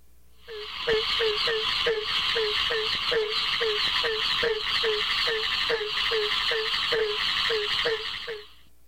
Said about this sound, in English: That was the voice of the barking tree frog, Hyla gratiosa. Such calls may come from isolated individuals or from several frogs calling together in a chorus.